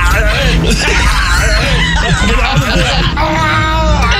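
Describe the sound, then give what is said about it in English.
A man lets out a loud, drawn-out strained scream, grunting and groaning as if in intestinal distress, his voice wavering and bending in pitch for several seconds. It sounds like a vocal imitation of Arnold's Total Recall scream, like an Austrian man straining in a bathroom. “I love his intestinal distress scream.”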